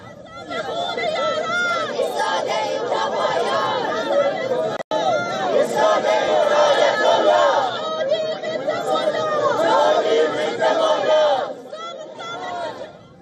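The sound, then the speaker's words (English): A large crowd of Persian exile community members protesting against Iran's hardline government outside a stadium in Los Angeles, many voices shouting and chattering over one another in a dense, continuous roar, with a brief cut near five seconds and a slight drop toward the end. “Members of LA's large Persian exile community gathered outside the stadium to protest against Iran's hardline government.”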